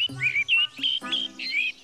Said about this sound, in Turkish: Baksana etrafına. Şu kuşların güzelliği mesela.